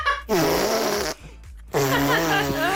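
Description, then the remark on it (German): A child, the speaker's daughter, blows a wet, buzzy raspberry with her mouth onto her arm, making a fart-like noise twice: two long, loud blasts separated by a short pause. “Papa, soll ich mal mit meinem Mund auf den Arm pupsen?”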